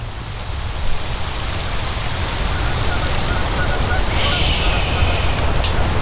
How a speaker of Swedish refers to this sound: Året är 2004 och på Nälstabadet har personalen gått hem för länge sedan. Regnet öser ner i den upplysta utomhuspoolen